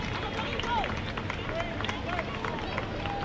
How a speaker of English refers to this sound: Thursday night crowd in Frisco trying to cheer on Magdaleno.